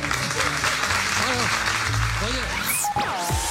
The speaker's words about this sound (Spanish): Un aplauso para esta...